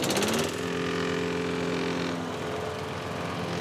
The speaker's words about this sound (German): Ich höre euch kaum wegen dem Rasenmäher beim Nachbarn.